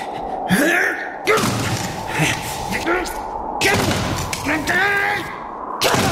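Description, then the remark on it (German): A cellar door is rammed with about four heavy, booming thuds at uneven intervals, while voices exclaim and gasp between the blows. “Du musst die Tür einrennen, Papa.”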